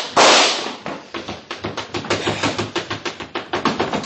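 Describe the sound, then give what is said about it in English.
A loud opening blast is followed by a rapid, steady string of sharp cracking pistol shots, about five per second, continuing without pause and with no voices. “Every time you go in that place, you get chased out by bullets.”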